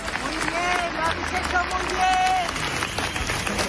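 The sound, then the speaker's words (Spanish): A large crowd at a memorial march claps steadily in a dense, continuous wash of applause, paying tribute alongside flowers, candles and lit phone screens, with scattered voices and calls mixed in, sustained at an even loudness throughout. “Murió el miércoles, como les digo, y ayer esa marcha, que a ratos avanzó en un profundo silencio, quiso rendirle homenaje con flores, velas, con las luces de los móviles encendidas y con aplausos.”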